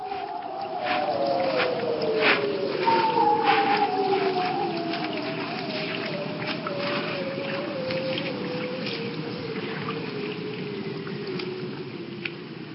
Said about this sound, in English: But let's leave you with more of that haunting sound of the bearded seals.